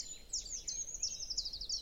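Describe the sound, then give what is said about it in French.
A treecreeper gives a string of very high, thin calls, several quick descending notes in a row, fairly soft, with no voices. “Des grimperons.”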